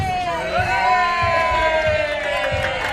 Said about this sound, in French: Ces applaudissements, c'est pour l'entrée de la 9 millionième visiteuse de la foire.